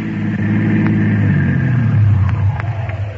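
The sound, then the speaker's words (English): A car engine rumbles steadily, its low drone shifting in pitch as the car, flagged down, rolls up and slows, with a few faint clicks over the idling motor. “how do we grab the car?”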